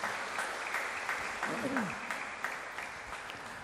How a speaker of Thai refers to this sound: ก็เสียงปรบมือต้อนรับคุณพ่อและกับบราเดอร์นะครับ